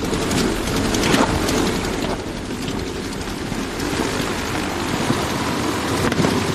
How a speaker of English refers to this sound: the engine bursts into life. But it's clear all is not well. The banging sound comes from one cylinder failing to fire properly.